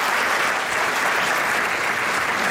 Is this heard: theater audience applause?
yes